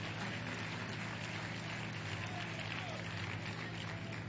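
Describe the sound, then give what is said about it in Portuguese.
A church audience claps their hands together to glorify the name of the Lord Jesus, in a dense, steady wash of applause that holds at an even level for about four seconds, with a low hum underneath. “Podem tomar os seus lugares e glorifiquem o nome do Senhor Jesus com as palmas.”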